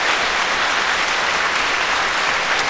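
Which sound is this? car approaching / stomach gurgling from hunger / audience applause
audience applause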